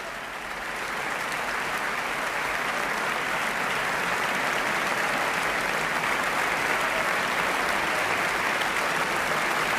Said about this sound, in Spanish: Aplausos para las trompas y las tubas wagnerianas precisamente en este momento.